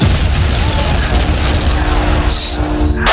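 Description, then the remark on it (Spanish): A helicopter crash explosion in a film scene, as a helicopter collides with the characters' aircraft: a loud, sustained booming roar with a steady low mechanical drone underneath, followed by sharp bursts of hissing noise near the end. “Helicóptero se ha chocado contra nosotros.”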